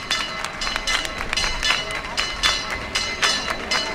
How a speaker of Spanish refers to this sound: pues la Virgen ha iniciado un recorrido por los alrededores de la ermita y ahora se está acercando, para la gente que conozca esto, a la Hermandad de Huelva, que ha levantado un arco delante de su casa hermandad. Están escuchando ustedes el campanil.